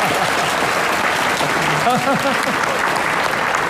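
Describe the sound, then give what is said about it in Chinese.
Dense, steady applause from a crowd at a wedding, loud and unbroken throughout, with a brief voice rising over the clapping near the middle. “掌声可以再热烈点。”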